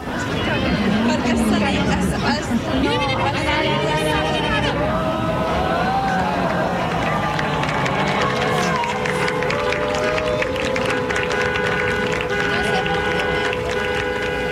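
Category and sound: crowd, crowd reacting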